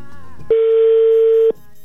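A single loud, steady electronic ringback tone lasting about a second, the burr heard through a phone while an outgoing call rings again on a repeated attempt to reach a woman's phone, with faint background noise before and after.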